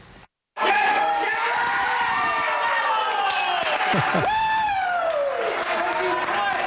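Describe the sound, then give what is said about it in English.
After a brief silent gap, soccer fans at Three Amigos in South Edmonton cheer loudly and continuously for Mexico, watching the team face South Africa in the 2026 FIFA World Cup opener on a big screen, a dense roar of shouting voices with sustained, wavering tones rising and falling throughout. “People there cheering on Mexico as the team faced South Africa in the World Cup opener”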